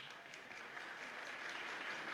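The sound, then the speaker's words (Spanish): An audience applauds on request for one of several people named in turn, a dense, even patter of many hands clapping at a constant level for a couple of seconds, with no voices standing out. “Aplausos y solo aplausos para Fernando Silvera.”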